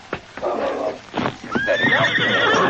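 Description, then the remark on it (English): Hooves thud in a few sharp beats, then a loud, high whinny rises and wavers over the hoofbeats as two horsemen ride off from their hiding place. No one speaks. “Two horsemen were already gone by the time King reached their hiding place.”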